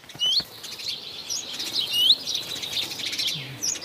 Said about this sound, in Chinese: 雀鹰站在屋顶上，观察着周围的动静。一只赭红尾鸲发现了它，随即发出警报。